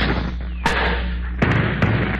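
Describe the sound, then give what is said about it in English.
A cuspidor (spittoon), thrown to stop a man getting away, strikes someone's head: three sharp, loud clanging thumps at uneven intervals over a steady hiss of background noise, the first hit the strongest. “I'll throw his cuspidor at him.”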